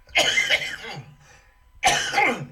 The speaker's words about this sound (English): Do excuse me for coughing.